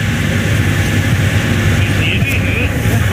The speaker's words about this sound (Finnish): Auton ääntä kuuluu, mutta onko tämä vielä ralliauto? Ei tämä ole auto. Mikä tämä? Tämä on aggregaatti. No, mutta se kuuluu ralliin kanssa.